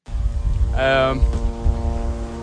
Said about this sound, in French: Un drone israélien bourdonne dans le ciel de Beyrouth